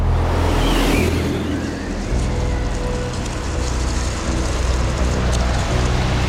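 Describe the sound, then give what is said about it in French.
Rough stormy sea surging and crashing against the hull of the ship Bounty in winter 1787, violent winds blowing up from the Bay of Biscay, in a continuous roar with a deep low rumble and wind noise throughout, a heavier wash swelling in the first second and loud, steady turbulence afterward. “En cet hiver 1787, des vents violents remontent du golfe de Gascogne et la mer se déchaîne sur la coque du navire.”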